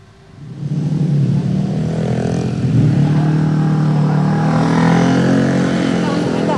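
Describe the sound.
Continuous, loud road traffic in the Lenteng Agung area of South Jakarta, Indonesia, where a collapsed road is being repaired: a low engine drone from cars and motorcycles, with one motor revving up and swelling in pitch, and an indistinct voice faintly mixed in.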